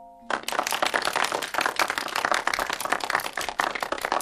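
Applause from a crowd breaks out after a brief pause and holds steady: a loud, dense patter of many hands clapping at once, continuing without letup until the end. The applause welcomes the class head teacher to speak at the official opening of the Grade 6 Class 7 self-service shared library at Sunshine Primary School.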